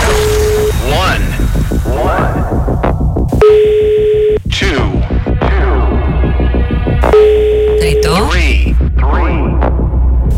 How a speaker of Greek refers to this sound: Γιατί δεν το σηκώνετε, γιατί δηλώνετε συμμετοχή, στέλνετε το μήνυμα και την ώρα που πρέπει να σηκώσετε το τηλέφωνο δεν το σηκώνετε.